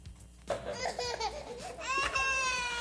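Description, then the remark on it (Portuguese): A baby, Lamine Yamal, vocalizes in a string of short, high-pitched squeals and giggly babbles, ending in a longer, sustained bright coo, with no adult talk, while being bathed by Lionel Messi in 2007. “Agora vamos ver o momento em que, quando era bebê, o Messi dá um banho, banha mesmo, dá banho, no menino Lamine Yamal.”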